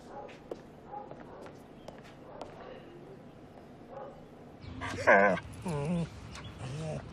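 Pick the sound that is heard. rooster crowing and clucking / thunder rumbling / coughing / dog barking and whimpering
dog barking and whimpering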